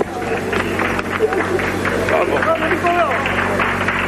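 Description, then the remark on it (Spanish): Steady applause and cheering fill a busy motor-racing pit box as the team celebrates, with many excited voices calling out over a constant low mechanical hum throughout. “Creo que este aplauso lo dice todo”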